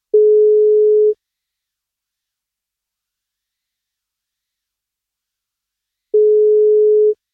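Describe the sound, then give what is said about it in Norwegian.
Two steady, loud ringback tones of about one second each, separated by roughly five seconds of silence, as heard while an outgoing phone call from a radio show to a birthday cake prize winner waits to be answered. “og den skal han få hvis han tar telefonen.”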